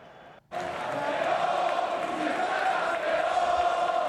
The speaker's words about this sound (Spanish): Y en Alfonso Murube de Ceuta, cientos de banderas y cánticos han acompañado el partido contra Las Palmas.